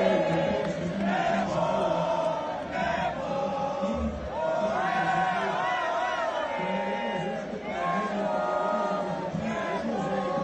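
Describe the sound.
A crowd of Monterrey football fans at the World Cup Fan Fest in Monterrey chants and cheers, a loud, steady wall of many voices singing together with rhythmic swells that rise and fall throughout.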